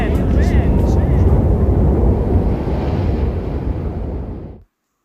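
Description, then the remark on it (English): A loud, steady roar of wind blowing, full of deep rumbling gusts, goes on for several seconds and then stops abruptly. No voices are heard. “Yay, wind!”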